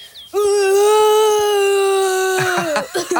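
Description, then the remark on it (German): A child's voice as Mowgli, learning to roar, makes a feeble, croaky attempt: a thin, high, strained vocal note held steadily for about two seconds, then cracking and sputtering into a few short, rough bursts. “An diesem Morgen wollte er unbedingt lernen, wie man brüllt.”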